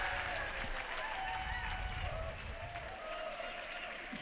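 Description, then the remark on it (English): A joyful crowd of pilgrims in a square applauding steadily, a dense wash of clapping that stays loud and even throughout, with cheering voices mixed into the noise. “A joyful crowd in the square”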